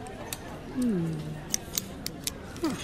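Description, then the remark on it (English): Several small, sharp plastic clicks and snaps from a four-color pen being handled and taken apart to see how it works, spaced irregularly, with a brief low voice murmuring underneath. “What are you doing to it? I'm taking it apart.”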